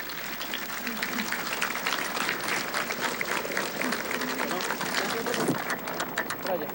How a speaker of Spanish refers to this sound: Un aplauso.